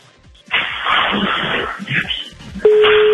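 Crackly, muffled telephone-line noise gives way near the end to a steady, loud ringback tone of an outgoing call, placed at 5:19 in the morning, starting to ring through the earpiece.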